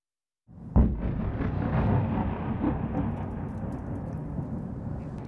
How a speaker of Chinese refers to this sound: 17号的凌晨，基辅传出了密集的爆炸声。